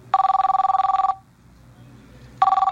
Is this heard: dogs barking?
no